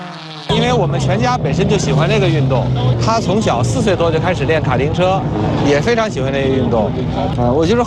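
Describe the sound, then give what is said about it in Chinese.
Rally race cars roar steadily as they speed around a closed super short-track stage, a 4.2 km asphalt circuit with dense corners, cornering fast, drifting under braking and sprinting flat out, with a voice talking over the loud, continuous motor noise. “广大车迷、市民、游客可在观看台直面赛车急速过弯、制动漂移、全速冲刺的精彩瞬间，感受汽车拉力运动的速度与激情。”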